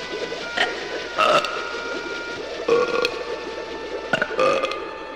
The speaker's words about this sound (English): You gotta burp, …. It's the only way. Attaboy! Burp again.